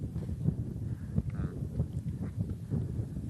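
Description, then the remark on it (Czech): Wind rumbles and buffets the microphone in a steady low roar outdoors with a view of mountains, with soft gusty thumps recurring throughout and no voices. “A vidíš ten vítr, kámo? Cítím.”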